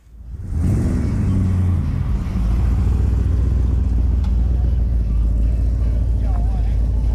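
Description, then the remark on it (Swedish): Classic car engines rumble loudly, one revving up sharply near the start before settling into a steady, throaty idle that carries on throughout, at a classic car show with exhibition and cruising on Åland, held on a Saturday despite threatening rain. “Trots hotande regn genomfördes Old Time Car Show med utställning och cruising.”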